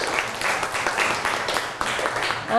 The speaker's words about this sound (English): Clap your hand for her. Good job.